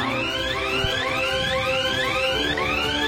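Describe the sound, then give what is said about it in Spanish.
An electronic alarm in Max Kilowatt's lair wails in a steady loop, each tone sweeping upward in pitch and repeating roughly every second, loud and continuous with no voices over it. “Entonces, en la guarida de Max Kilowatt sonó una alarma.”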